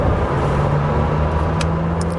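A Lamborghini Temerario sports car engine roars loudly, a sustained throaty drone with its pitch holding steady and edging slightly higher over a couple of seconds, with no voices.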